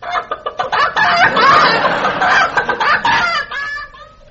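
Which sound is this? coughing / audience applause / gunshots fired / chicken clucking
chicken clucking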